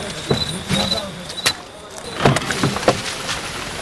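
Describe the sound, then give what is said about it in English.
A truck moves along a muddy, narrow, winding road in a flooded region: scattered clunks, knocks and rattles over a constant rough background noise, with faint voices in the mix. “The truck is moving.”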